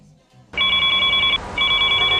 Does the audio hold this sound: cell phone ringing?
yes